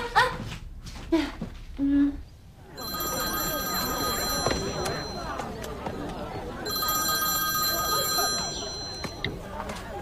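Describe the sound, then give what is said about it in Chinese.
A telephone rings twice in long electronic bursts during an outgoing call to the caller's brother, clear, over a steady murmur of a crowd, with voices talking briefly at the start. “可不可以给我哥打电话？他肯定有办法稳得住大家。”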